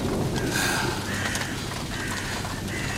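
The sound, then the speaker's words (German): Steady, dense hiss of rain from an approaching storm, with a low, rumbling undertone of storm wind, holding an even loudness throughout, with a few faint higher tonal streaks drifting through the noise. “Ein Sturm zieht auf.”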